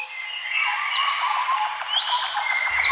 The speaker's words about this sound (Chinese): 鸟鸣，溪流，森林，草原，大海。如果有一天，这些美好的声音突然消失